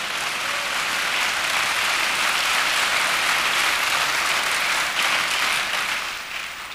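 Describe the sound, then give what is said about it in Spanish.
A crowd claps loudly and steadily for several seconds, applauding the Lord at a preacher's call during a sermon, a dense, continuous roar of many hands with no voices above it, easing slightly at the very end. “Si va a aplaudir, aplauda al Señor fuerte.”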